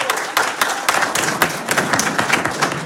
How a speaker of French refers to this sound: Merci au public Saint-Lois, vous entendre quand même applaudir un petit peu, histoire de vous faire entendre.